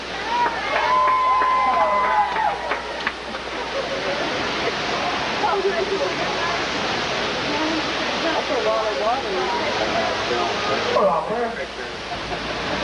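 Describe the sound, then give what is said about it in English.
Loud, continuous rushing water roars like a torrent pouring through a canyon film set in a staged flood catastrophe, with a crowd's voices murmuring underneath and a few high squeals early on. “get a water again, please.”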